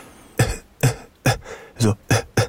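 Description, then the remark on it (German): A voice imitates a man's quiet, persistent cough: six short, soft coughs repeated in a steady, even rhythm, with no other sounds. “Der ewige Husten vom Morgen bis zum Abend, zur Nacht auch noch. Er ist nicht laut, nein. Nur so vor sich hin, wenn er wenigstens laut rausgehustet hat, aber so.”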